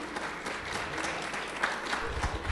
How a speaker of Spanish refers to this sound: un fuerte aplauso para Joel, por favor